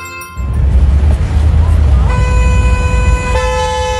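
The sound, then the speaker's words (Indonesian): Car horns honk in a traffic jam over a low, rumbling traffic din, with a long sustained blast taking over midway and holding steady to the end, loud. “Duh, macet banget nih.”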